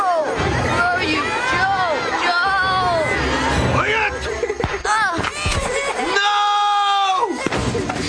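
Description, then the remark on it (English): Frantic, high-pitched children's screams and cries overlap in a chaotic jumble, ending in one long, loud sustained shriek, with rumbling commotion underneath: children in a hut on poles in New Guinea screaming at a Japanese soldier's bayonet during a struggle. “The kids were screaming at the bayonet.”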